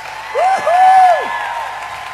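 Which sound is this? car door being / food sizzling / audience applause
audience applause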